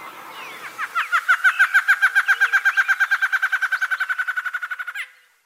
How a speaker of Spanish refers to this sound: Al cantar, el macho acostumbra a erizar la cresta y abrir la cola, a veces meneando el cuerpo. El trino del Batarabarrado forma parte del Banco de Sonidos de Aves Colombianas, recopilado por el Instituto von Humboldt y la Universidad de Cornell.